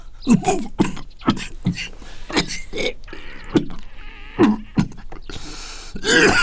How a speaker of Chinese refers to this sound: 这怎么了？ 最近也不知怎么的了，一阵一阵的犯咳嗽。